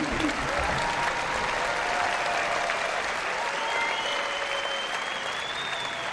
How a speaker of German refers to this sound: Der Zauberlehrling von Paul Dukas war das, hier beim Classic Open Air in Nürnberg. Und ich bitte Sie nochmal um einen großen Applaus. Das ist unser Orchester des Abends, die Nürnberger Symphoniker.